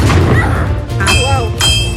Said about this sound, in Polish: I słyszymy te wystrzały. Słyszymy wystrzały, armaty co chwilę, musztra.